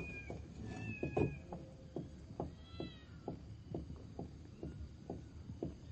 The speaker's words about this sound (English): Oh, kittens?